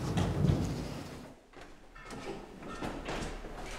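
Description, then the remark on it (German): A bathroom door in an artist's studio, itself an art object, slides open or shut with a loud rolling rumble for over a second, followed by softer scraping and creaking as it settles. No one speaks. “Ja, und das Badezimmer. Das ist ja auch ein Kunstobjekt, die Tür.”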